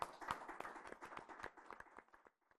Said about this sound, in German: Aber ich darf Sie bitten, dass wir alle mal und vor allem dem Team an den Kameras und hinten, dass wir denen einen herzlichen Beifall für den Anfang geben.